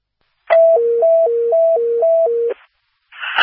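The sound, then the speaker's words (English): A loud two-pitch dispatch alert tone for Township Station 51 and Medic 51 alternates high and low in a steady hi-lo pattern for about two seconds, followed by a short burst of radio static. “Do you want one set of tones? That would be appreciated.”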